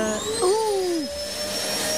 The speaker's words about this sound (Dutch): zet jij even die stofzuiger al nog aan, want je hebt er echt een zootje van gemaakt. Ja, overal kruimeltjes.